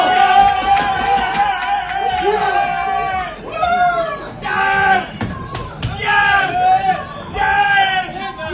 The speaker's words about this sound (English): took the following video of Moroccan reporters cheering in Gillette Stadium's enclosed press box after yesterday's 1-0 win over Morocco.